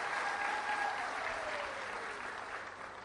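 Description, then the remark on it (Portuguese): A sustained burst of audience applause for a singer, dense and steady, with many hands clapping at once and a faint whistle-like tone sliding downward through the noise, gradually easing off toward the end. “Quero pedir uma grande salva de palmas para elas.”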